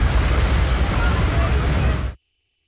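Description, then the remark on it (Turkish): A sudden heavy rain downpour in the city centre of Kayseri, Turkey, flooding the roads, roars in a dense, steady hiss of water for about two seconds, loud and unbroken, before cutting off abruptly into silence. “Kayseri'de de bir anda bastıran sağanak vatandaşlara zor anlar yaşattı.”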